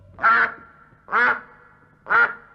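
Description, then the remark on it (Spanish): Three loud, nasal duck quacks, evenly spaced about a second apart, standing alone with no talking, as señor pato answers the little mouse in a told story. “Decidme, señor pato, ¿cómo haréis por la noche?”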